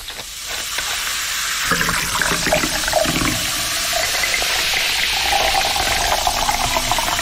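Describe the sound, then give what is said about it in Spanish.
Colombiana soda pours steadily into a glass, a bright liquid splash over a dense, crackling fizz that builds and keeps hissing for several seconds, with no voices. “Así suena colombiana.”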